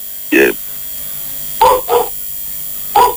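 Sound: dog barking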